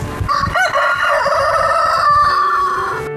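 A rooster crows loudly, one long drawn-out cock-a-doodle-doo stretching across about three seconds with no voices over it.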